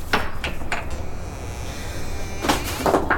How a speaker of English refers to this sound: Now open that coal shed door. Why, though? Never mind why. Just open it.